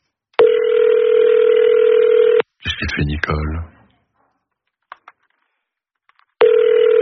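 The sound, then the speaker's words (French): A telephone ringing tone sounds loud and steady for about two seconds as a call goes unanswered, stops while a voice briefly speaks, then after a quiet pause the same ringing tone starts again; the call ends up on voicemail after the fourth ring. “Quatrième sonnerie. Vous êtes sur la messagerie.”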